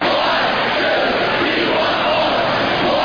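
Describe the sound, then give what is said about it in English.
A large crowd of Wisconsin Badgers hockey fans shouts a loud, unified team cheer in an arena, the roar dense and sustained for a few seconds with many voices blending together. “Every Badger hockey fan knows that cheer.”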